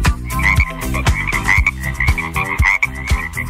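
Loud frog croaks pulse in a steady rhythm about twice a second, each with a low, throaty drop, layered with sustained tonal sounds and no talking.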